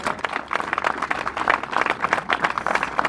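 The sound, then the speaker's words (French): An audience claps steadily, a dense wash of many overlapping hand claps that holds at an even, fairly loud level for the whole few seconds, with no voices on top. “Donc je voudrais que on prenne conscience de tout ça et qu'on les applaudisse encore une fois parce que c'est eux qui ont relevé en première ligne tous ces défis.”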